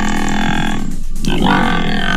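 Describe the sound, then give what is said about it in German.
Deep, loud water buffalo grunts, a harmonic, resonant low groan that dips briefly in the middle then swells again, with no talking. These are the water buffalo at the Tegeler Fließ in the north of Berlin, which help with landscape maintenance there. “Und in wenigen Stunden sind im Norden Berlins wieder die Wasserbüffel zu sehen.”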